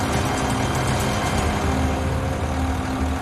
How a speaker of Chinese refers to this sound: 13.5吨的挖掘机现在履带再一次踏到了上一级台阶的平面之上，张师傅要操作自己的机械臂，把整个的机身往前递进，放下钢梁，必须放到位置才行。